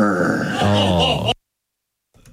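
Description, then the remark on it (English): A voice imitates a growl with a loud, rough, drawn-out "grrr" lasting over a second, then cuts off abruptly into silence before a faint sound at the very end. “Oh, who puts grrr at the end of a text message?”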